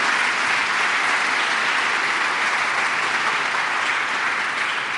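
Sustained applause from a large audience welcoming guests Bruno Vespa and Enrico Mentana, a dense steady wash of clapping hands that stays loud and even for about five seconds with no talking over it.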